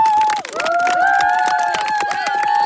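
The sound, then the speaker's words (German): An audience claps steadily in a dense, continuous round of applause for the teachers, with scattered cheers and sustained whistling tones running through it, loud throughout. “Geben wir mal einen Applaus für die Lehrerinnen und Lehrer, bitte.”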